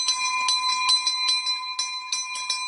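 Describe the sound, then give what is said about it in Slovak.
An old metal school hand bell, which comes from the school's original building, rings rapidly and continuously, its bright clanging strokes repeating in a quick, slightly uneven rhythm for the whole stretch, with no voices. “Samozrejme je veľmi blízky k nášmu srdcu, lebo tento zvonec ešte pochádza z pôvodnej budovy.”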